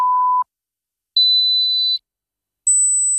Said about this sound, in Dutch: Hoorde u geen 3 piepjes zojuist? Dan is het zinvol om even uw gehoor te laten testen bij Hoortzo in Spijkenisse.